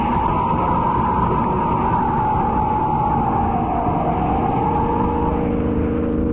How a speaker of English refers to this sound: Look at him skid around that curve. He's mad or drunk. Great Scott, what's he trying to do? Catch the car ahead of him? A fool, he'll either crash into it or go over that cliff.